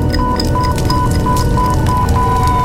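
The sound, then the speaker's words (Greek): A fire burns with a steady, dense crackling roar, while a high electronic beep repeats rapidly and evenly over it like an alarm. No one speaks. “Από τη στιγμή που θα ξεκινήσει η φωτιά, πόσο χρόνο νομίζεις ότι έχεις?”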